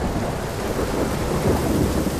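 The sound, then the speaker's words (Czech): Heavy rain pours in a steady, dense hiss while deep thunder rumbles low underneath, the storm holding at a constant loud level throughout with no voices. “Podigao silne oblake i sručio kišu koja je danima padala, sve dok nije potopila sve kuće i uništila nasade.”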